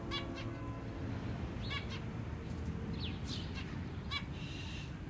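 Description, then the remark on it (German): A pair of zebra finches in a cage hung on a backyard balcony give short, nasal chirps, a handful spaced irregularly across a few seconds, over a steady rushing background noise. No one speaks. “Wir stehen auf dem Balkon und hören ihrem munteren Gezwitscher zu.”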